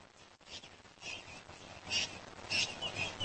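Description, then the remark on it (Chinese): Harsh, squawking calls from a flock of Cape parrots gathering over a pecan orchard in the cool evening come in several short bursts over a steady background hiss. They sound fairly faint. “鹦鹉群再次聚集在山核桃园的上空，只有一只例外。”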